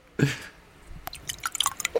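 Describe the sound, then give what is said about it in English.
Water dribbles out of a man's mouth into a glass to imitate urinating: a short wet gurgle, then a run of irregular drips and splashes growing busier toward the end, with no talking. “He's got his mouth full of water and trying to make a piss noise, but dribbling it back into the glass.”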